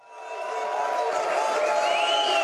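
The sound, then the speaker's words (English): A large crowd in Germany cheers and applauds as the far-right AfD party is projected to win the Saxony-Anhalt state election; the roar swells in quickly and holds steady and dense throughout, with a whistle rising briefly above the din near the end. “Cheers and applause greet Germany's lurch to the right, the alternative for Deutschland Party, or AfD, on the cusp of seizing power in the eastern state of Saxony-Anhalt.”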